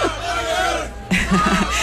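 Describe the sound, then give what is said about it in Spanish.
A large crowd of young people, the Pope's youth at the Estadio Olímpic Lluís Companys on Montjuïc, shouts and cheers together for Pope Leo, a dense, continuous roar of voices with rising bursts of excited yelling. “Y sigue habiendo gritos.”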